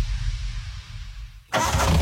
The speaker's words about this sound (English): Don't worry, bro. That noise just means the engine is purring like a lion. That's not a purr, man. Your clutch is slipping.